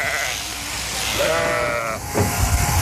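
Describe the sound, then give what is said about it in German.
A sheep being held sitting on its rump for shearing lets out a drawn-out, wavering bleat, fairly loud, over a steady background of noise and clatter, followed by a short knock or thump near the end. “Aber kein Schaf findet das besonders lustig, so auf dem Hintern zu sitzen, ne?”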